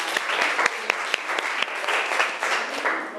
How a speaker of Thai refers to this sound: ขอเสียงปรบมือดังๆให้ตัวแทนจากกลุ่มที่3